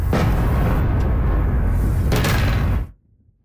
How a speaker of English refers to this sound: Explosions in the night sky over the capital. This is the sixth consecutive day of attacks from Russia.